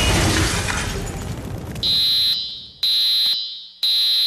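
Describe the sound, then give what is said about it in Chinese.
A loud rushing roar gives way to a residential fire alarm sounding three sharp, high-pitched beeps about a second apart, piercing. “还好还有住宅火灾警报器，只要到各大卖场、量贩店、网购通路或到消防器材公司购买合格认证的助警器，我们就能为居家安全多加一份保障。”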